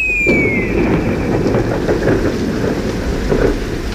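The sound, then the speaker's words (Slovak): Steady, loud rain pours down throughout while the sun shines, with a deep rumble of thunder rolling underneath. No one speaks; a faint high whistle slides briefly at the very start. “Prší aj svieti slnko.”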